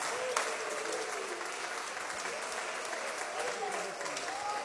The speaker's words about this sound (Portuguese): Então vamos receber o servo de Deus com as palmas para Jesus.